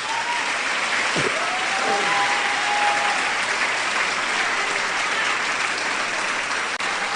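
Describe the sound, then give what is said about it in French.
A church audience applauds Jesus steadily, a dense, even wash of clapping that holds its loudness throughout, with a faint high whistling tone rising briefly early on. “Si on songe grand monde, qui t'es longé main sous, qui t'es prié pour, d'un mot applaudis Jésus pour monde ça.”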